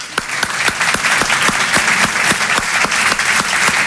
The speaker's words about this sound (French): Et d'ailleurs vous allez vite comprendre pourquoi. Applaudissez les hétérosexuels.